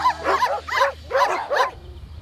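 dogs barking

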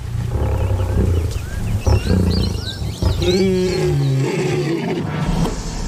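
lion roaring

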